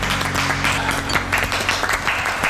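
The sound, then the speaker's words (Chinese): A group applauds steadily, a dense, continuous patter of many hands clapping at a fairly even loudness from start to finish, with a faint low hum underneath, applauding their own performance after a children's cucumber cooking activity. “为自己刚才的精彩表现 鼓掌， 鼓掌。”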